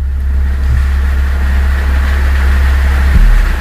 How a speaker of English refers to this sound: And then Shane says, someone needs to fix that car.